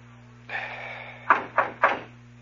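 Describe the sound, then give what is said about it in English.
Three quick, firm knocks on a door, evenly spaced, ringing out over a steady background hiss and low hum, with no voices. “Okay, knock. Oh, I listen. Go on, knock.”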